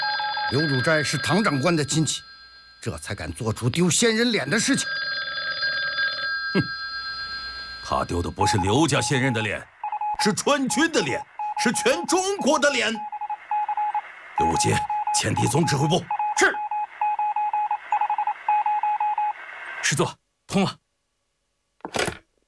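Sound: telephone being dialed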